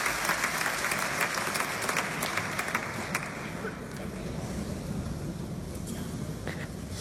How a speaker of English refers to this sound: People clapping, obviously, so... Yes, so this is recorded from the back of the hall at the Paris Philharmonic.